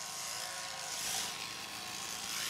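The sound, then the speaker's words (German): Electric sheep shears buzz steadily and continuously as a sheep is shorn in under three minutes, a dense mechanical whir with a faint steady hum, holding a constant loudness with no voices. “Und nach nicht mal 3 Minuten ist das Schaf geschoren.”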